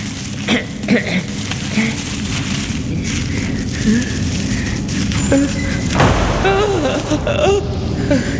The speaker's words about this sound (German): Nur die Tür. Es war nur die Tür.